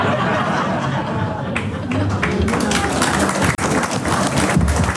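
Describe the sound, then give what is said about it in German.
Sustained audience applause fills the hall at a brass band (Blasmusik) concert for about five seconds, a dense, steady patter of many hands clapping at once, with a few chuckles and murmurs mixed into the crowd noise. “Es wurde mitgesungen, geklatscht und die Musik gemeinsam genossen.”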